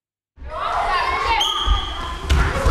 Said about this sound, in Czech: Zatímco v jedné z tělocvičen školy v centru Tišnova se ozývá křik a dupot